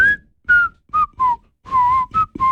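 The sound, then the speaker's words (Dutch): A whistled melody from a song, heard alone: a series of clear, sliding notes grouped into short phrases with brief pauses, steady and fairly loud throughout. “het nummer wat je zo gaat horen, dus hè, …... bevat een iconisch fluitstukje”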